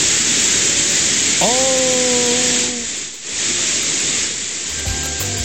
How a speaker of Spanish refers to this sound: No fuimos a negro, ni es sonido estático. No. Es la lluvia que está cayendo, pero con maldad en Concepción. Así está sonando a esta hora.